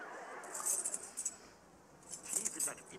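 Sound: keys jangling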